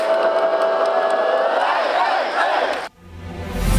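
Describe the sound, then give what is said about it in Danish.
Thousands of AGF football fans in Aarhus, Denmark, cheer and shout loudly and continuously, a dense roar of many voices, before it cuts off abruptly near the end into a different, quieter sound. “der stod som sædvanligt tusindvis af AGF-fans.”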